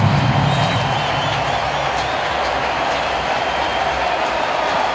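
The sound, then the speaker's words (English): A sellout stadium crowd at a baseball game, on its feet with the bases loaded and a full count, cheers in a steady, loud, continuous roar that holds at full strength for the whole stretch, a dense wash of many voices with no talk standing out. “Sellout crowd on their feet.”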